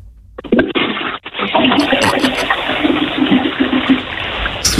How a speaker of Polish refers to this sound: Słuchajcie, to jest pierwsze ogólnopolskie intencyjne spuszczanie wody. Tego jeszcze nie było.